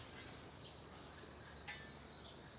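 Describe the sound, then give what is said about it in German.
Soft, scattered chirps from wary birds in an enclosure come and go over a steady hiss of background noise, with several short high calls spaced irregularly and no voices. “Die Nüsse nehmen sie zwar, aber die Vögel sind noch misstrauisch.”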